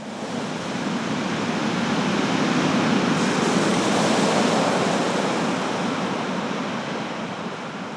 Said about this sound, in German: Doch selbst hier kommt das Meer zu mir, wenn ich die Muschel an mein Ohr halte.